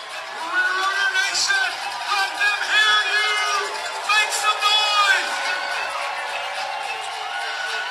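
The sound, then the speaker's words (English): A baseball crowd in Cleburne roars and cheers after Delino DeShields Jr.'s home run off the left-center scoreboard ties the game at two in the eighth, a dense wash of voices with shouts and whistles that swells for about five seconds, then eases into a steady murmur. “Boy, that ignites the crowd here in Cleburne.”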